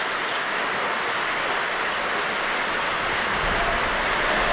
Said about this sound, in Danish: Og nu kan vi altså høre ind fra salen, hvordan de modtager en særdeles velfortjent applaus for den her hele aftens forestilling.